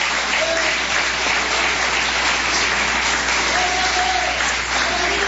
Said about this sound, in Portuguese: Podeis assentar, assentando aquelas palmas bem bonitas para Jesus, é para Ele.